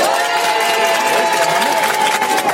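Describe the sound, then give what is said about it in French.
A crowd cheers and claps loudly and steadily, with a few whistles and shouts cutting through the dense, continuous wall of applause, as the audience votes by applause meter at an RTL radio tour event. “On va faire l'applaudimètre.”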